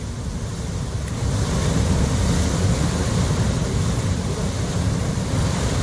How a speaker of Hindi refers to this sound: ये केलर शोपियां की तस्वीरें हैं। अचानक से फ्लैश फ्लड, बादल फटने की घटना, जिसके बाद ही देखिए क्या नदी नाले सब कुछ सैलाब में तब्दील होते चले गए।